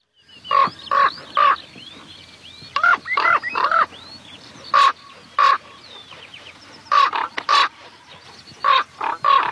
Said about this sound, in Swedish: Ja, här flyger korpen och låter höra sitt läte. Hes som en korp, säger man, och det tycker jag är lite orättvist, för det är ju ett ganska klangfullt läte egentligen. Ja, det är rena fina toner bitvis i det här.